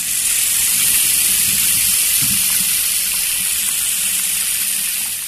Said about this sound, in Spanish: Fue al baño y se echó un poco de agua en la nuca.